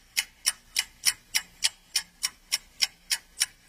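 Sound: clock ticking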